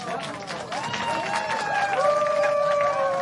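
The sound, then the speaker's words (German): A crowd claps steadily and densely for about three seconds, with high voices whooping and cheering over the applause, which swells slightly toward the end. “Ein Applaus für das.”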